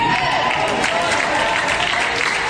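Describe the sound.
Steady, dense applause from an audience at a Spanish-language church service fills the whole moment, a continuous wash of clapping at even loudness with faint crowd voices mixed in.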